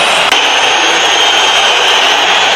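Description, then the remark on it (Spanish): A large football crowd whistles in disapproval at Julián Álvarez on the substitutes' bench, a loud, continuous wall of shrill whistling layered over a dense roar, steady for the whole stretch with no break and no talking. “Sí, sí, la silbatina.”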